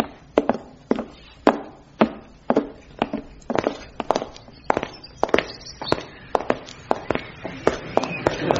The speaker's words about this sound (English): Those footsteps you heard, they were ours, crossing into the back alley.